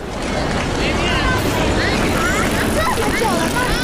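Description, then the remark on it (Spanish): A busy outdoor street ambience with a steady wash of traffic noise, cars and bicycles going by, and indistinct voices of pedestrians walking alongside, chattering throughout. “Peatones caminando a mi lado, coches, bicis, pero todos pasando de mí.”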